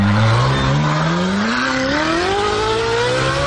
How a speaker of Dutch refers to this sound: Model zelf, dit is de originele Ferrari.